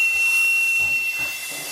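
A badly damaged pipe from the organ of the Church of the Assumption of the Virgin Mary in Konojedy, Litoměřice region, is blown in Varnsdorf, giving a breathy, hissing rush of air with a thin, steady high whistle running through it, sustained, with no voices.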